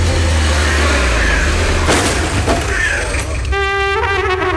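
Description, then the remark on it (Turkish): A car engine runs loud with a steady low rumble, rising briefly as it revs, then a high harmonic whine joins near the end, as the car is being parked. “bir dakika arabayı park edeceğim ya.”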